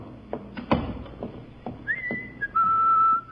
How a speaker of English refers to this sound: Do you think you should whistle so loudly, Miss Brooks? We're right outside Daddy's office, you know.